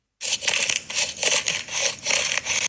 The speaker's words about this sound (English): Ice cubes.